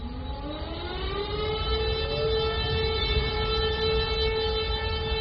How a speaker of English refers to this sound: Every year, on August 1st, people in Warsaw and much of Poland stop to the sound of sirens at exactly 5 p.m. to remember W hour, the time when the 1944 Warsaw Uprising began in the dark days of German occupation.